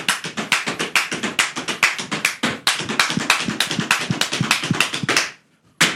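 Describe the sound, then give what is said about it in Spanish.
Rapid, rhythmic foot stamping of a zapateado dance on the 10th floor of a building, with dense sharp heel-and-toe strikes at a quick, steady pace for about five seconds, then a brief pause and one final stamp. No one speaks. “Sabes que tú estabas zapateando, hermano, y estaban ya llamándonos el piso 9.”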